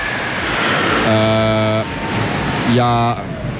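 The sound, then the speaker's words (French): A loud, steady roar of an airplane passing overhead fills the whole moment, with two brief voiced, tonal sounds rising above the engine noise partway through. “On est un petit peu perturbé parce qu'il y a un avion qui vient de passer au-dessus de notre tête. Évidemment, ça fait beaucoup de bruit.”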